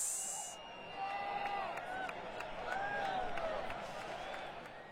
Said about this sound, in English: I just love that crowd music. The crowd goes wild.